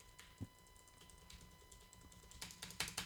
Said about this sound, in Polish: Naciskam jak tylko mogę te klawisze, dosyć szybko. A tu naprawdę jest to całkiem ciche, nie jest to uciążliwe, jeżeli chodzi o pisanie.